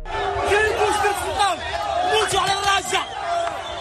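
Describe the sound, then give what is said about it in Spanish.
A large crowd of thousands of migrants, who have swum or jumped the border fence from Morocco into the Spanish enclave of Ceuta, shouts and yells continuously, many overlapping voices rising and falling in a loud, dense roar with sharp cries breaking through. “Lo que escuchamos al fondo son los gritos de miles de migrantes que han llegado nadando o saltando la valla fronteriza desde Marruecos hasta el enclave español de Ceuta.”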